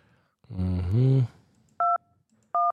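Two short, steady dual-tone telephone dialing beeps sound about a second apart, following a brief, louder, voice-like warbling tone at the start.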